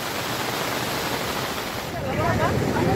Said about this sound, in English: Heavy rains have wreaked havoc in Rajouri district of Jammu and Kashmir. Flash floods triggered by heavy rainfall has caused massive damage in Bela colony. Vehicles have been swept away by flood waters.